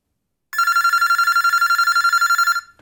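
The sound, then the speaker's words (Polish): A telephone bell rings loudly and continuously for about two seconds, a rapid trilling ring with no voices, then cuts off abruptly. “A dużo razy dzwoniłaś do mnie?”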